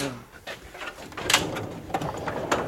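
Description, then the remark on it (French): A specimen cabinet drawer holding precious old specimens slides open with a dry scraping rumble and a few sharp wooden knocks and clicks over a couple of seconds, against a soft room hum. “Donc voilà un tiroir classique.”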